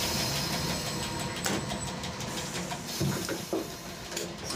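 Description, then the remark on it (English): An old Ferrovia Circumetnea train, on the railway circling Etna, idles in Catania with a steady, dense mechanical drone and low rumble, broken by a few brief clanks and knocks. No one speaks. “The years in daily service have left their marks on the train. We leave Catania 5 minutes behind schedule.”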